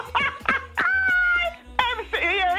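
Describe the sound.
A voice imitates a dog barking: a few quick, sharp barks, then a drawn-out, wavering howl-like cry, followed by more yelping barks.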